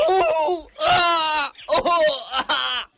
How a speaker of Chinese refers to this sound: 室内，一个伤员脸上、身上裹满了绷带，蜷缩在地上，几个特务正轮番着上去用脚踩他的伤口，伤口处不断有鲜血渗出来，伤员抑制不住地发出嚎叫的声音。